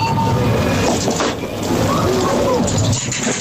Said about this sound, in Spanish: Una máquina de dispensar, sí, alimentos, refrescos, de vending, echas pero con monedas.